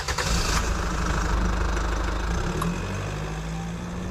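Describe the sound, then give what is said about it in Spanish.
A car engine runs steadily as the car heads off to friends' house, a continuous low rumble with a slight shift in pitch partway through, heard alone with no voices. “Bueno, como tenemos los bombones, ya podemos coger el coche y poner rumbo a casa de nuestros amigos.”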